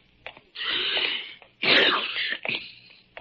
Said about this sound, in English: Ah, confound it. I do not have a cold. A man can sneeze, can't he?